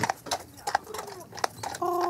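Sharp horse hoof clops strike pavement on a nearly car-free island in an uneven, unhurried rhythm, with faint background murmur and a brief tonal squeak near the end.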